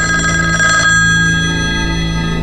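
A telephone bell rings loudly and steadily with a bright metallic tone at a clothing shop, Daheng Chengyi Dian, then cuts off partway through, leaving a lingering hum with no one speaking.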